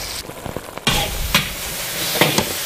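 Pork belly and eel segments stir-fried over high heat in a wok: a steady hiss of sizzling oil with sharp scraping clatters of a spatula striking the pan at irregular intervals, fairly loud throughout, no voices.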